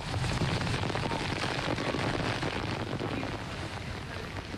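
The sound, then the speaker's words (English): Torrential rain hammering Tokyo, Japan, pours down in a dense, steady roar of hiss and patter, loud and unbroken throughout, easing only slightly toward the end, with no voices. “That is torrential rain that's been hammering Tokyo all day.”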